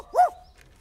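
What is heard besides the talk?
dog barking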